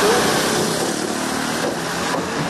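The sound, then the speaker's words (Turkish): A steady, dense rumble of idling car engines in a kilometres-long traffic jam on the Asian side of Istanbul's TEM motorway, caused by a bump used in strengthening work on the Molla Gürani Viaduct; a continuous, fairly loud wash of motor noise with no distinct passing vehicles standing out. “İstanbul TEM otoyolunun Anadolu yakasında yoğun trafik oluştu.”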